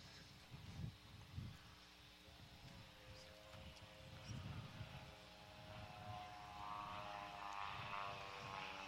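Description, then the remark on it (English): A propeller aerobatic airplane making a low inverted pass to cut a ribbon at Air Show Center, approaching from the left, its engine drone rising in pitch and loudness as it closes in, over a steady outdoor rumble with intermittent low thumps. “keep an eye on that ribbon as Greg approaches from your left”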